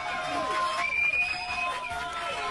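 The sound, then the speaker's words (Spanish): A crowd bursts into steady applause and cheering for 205 years of the national holidays (fiestas patrias), with shrill whistles rising over the clapping, loud and sustained throughout. “205, es verdad, fuertes palmas.”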